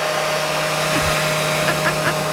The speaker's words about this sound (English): Was that my blow dryer? I've gotten actual footage. This is what it sounds like.